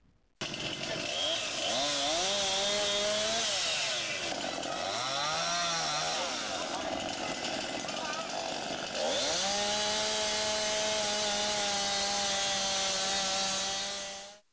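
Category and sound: tool, chainsaws revving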